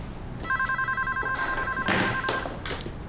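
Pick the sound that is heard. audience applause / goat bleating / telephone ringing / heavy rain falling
telephone ringing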